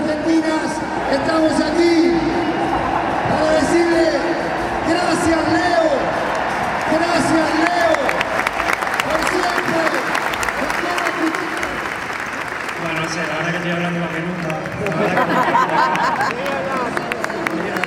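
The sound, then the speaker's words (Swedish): A stadium crowd of 85,000 people applauds and cheers Leo Messi at his last match with the Argentine national team in a loud, continuous roar, with rising shouts and whoops above a dense wash of clapping that holds steady throughout. “Och nu ska han tackas av här av de här 85 000 människorna som har samlats här på stadion.”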